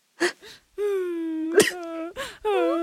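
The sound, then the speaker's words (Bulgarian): A voice at an office desk lets out two drawn-out, slightly wavering whines, steady in pitch then sagging, broken up by short breathy sniffs and huffs. The whimpering is moderately loud, with no words spoken. “Леко скоблъчене и леко хленчен.”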